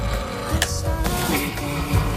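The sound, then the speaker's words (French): A stag bellowing in rut: a harsh, raspy, low roar that carries on steadily for about two seconds, loud and gritty, with no one talking over it. “Non, c'est le brame du cerf.”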